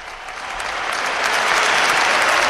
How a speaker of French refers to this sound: Un tonnerre d'applaudissements à la suite de cette bénédiction du pape pour l'engagement indéfectible et vraiment plénier de tous ces volontaires qui sont venus de toutes les parties d'Espagne, comme l'a tout à l'heure mentionné le Saint-Père.